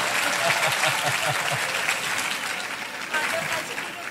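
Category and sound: crowd, audience applause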